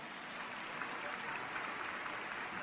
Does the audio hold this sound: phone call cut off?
no